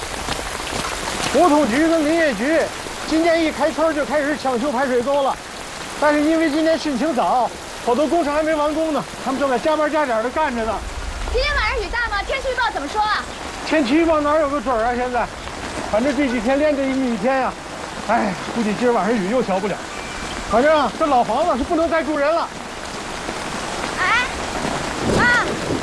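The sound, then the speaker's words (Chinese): Heavy rain falls in a steady, dense hiss that never lets up during an early flood season, with voices talking over it throughout. “雨这么大，我看村委会把应急预案都贴墙上了。”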